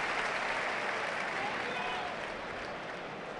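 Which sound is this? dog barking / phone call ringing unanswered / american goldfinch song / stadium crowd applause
stadium crowd applause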